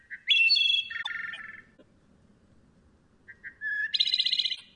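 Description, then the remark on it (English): A wood thrush sings two clear, flutelike phrases separated by a pause of about two seconds, each ending in a bright trill, over a faint low background hush. “wood thrushes are losing habitat as humans convert vibrant forests to pastures, mines, and urban developments.”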